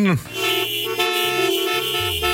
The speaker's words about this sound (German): Wer ist schon im WM-Fieber? Bitte mal hupen.